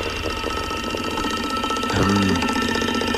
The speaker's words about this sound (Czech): Zní to jako datel. Že by to byl datel. A jo, je to datel. A ťuká si do rytmu Rádia 1.